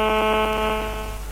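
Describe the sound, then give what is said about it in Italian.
A telephone rings with a buzzy, rapidly warbling electronic trill, a steady harmonic tone pulsing about ten times a second, sounding alone and easing slightly toward the end. “No, mi sta squillando il telefono.”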